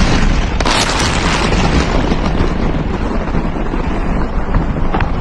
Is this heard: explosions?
yes